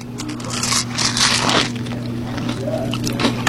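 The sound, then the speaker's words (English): Moist, crackly chewing of a butter tart fried in donut batter, with a caramel inside. Soft squishing and crunching bursts repeat over a few seconds, fairly loud, with no talking and a steady low hum underneath. “I'm just going to take one more little bite.”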